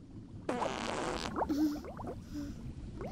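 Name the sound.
fart bubbles in water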